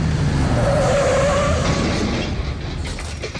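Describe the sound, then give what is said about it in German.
Heavy truck noise rumbles steadily as the truck turns right past a cyclist riding on the bike path beside it and collides with her; a high squeal of brakes or tires rises and fades in the first half, then the engine drone continues, slightly quieter, with no voices. “Der LKW-Fahrer biegt rechts ab und übersieht dabei die Radfahrerin.”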